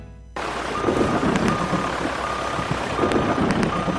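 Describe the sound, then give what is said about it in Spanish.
Repeated high-pitched reversing beeps from the yellow heavy machinery of the Gobernación del Meta sound over a loud, steady engine rumble and a hiss like rain, with occasional sharp clanks, as the machinery works in the rain to attend emergencies during the rainy season. “La maquinaria amarilla de la Gobernación del Meta trabaja las 24 horas del día para atender emergencias y proteger a las comunidades durante esta temporada de lluvias.”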